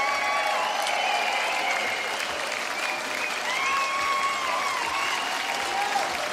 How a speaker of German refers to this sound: Den Applaus haben sie sich verdient